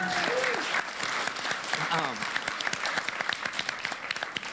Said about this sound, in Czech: Slon je správná odpověď. Tleskáme.